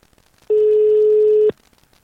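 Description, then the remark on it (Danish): A single steady telephone ringback tone as a radio host calls the winner of a word quiz, one low, even beep lasting about a second, heard clearly on its own with quiet line hiss before and after. “Lone, som skal ringes op lige nu.”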